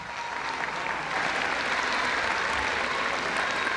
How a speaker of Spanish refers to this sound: El aplauso.